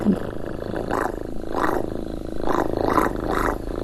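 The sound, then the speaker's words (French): A foley artist imitates a purring cat with the mouth, a continuous, rough, throaty rumble that swells in a slow rhythmic pulse, fairly loud, with no talking. “le bruitage, il est fait avec des objets, mais aussi avec la bouche, parce que ça nous arrive de faire des imitations, d'utiliser notre corps pour faire des sons. Par exemple, les petits chiens, un petit chat qui ronronne.”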